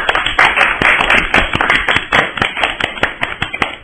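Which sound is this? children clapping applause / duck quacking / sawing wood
children clapping applause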